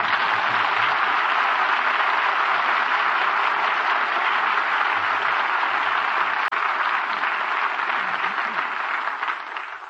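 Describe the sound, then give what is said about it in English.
Sustained applause from a sizable crowd, dense clapping holding steady and loud for about ten seconds before easing slightly at the end, with no talking over it. “All the Indians applauded.”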